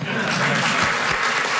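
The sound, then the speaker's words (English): An audience applauds steadily after an announcement about a high-speed train stop in Kingston, a dense wash of many hands clapping at a fairly even, moderate-to-loud level throughout a short burst with no clear pauses. “You can applaud now.”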